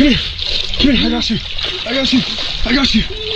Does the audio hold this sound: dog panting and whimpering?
no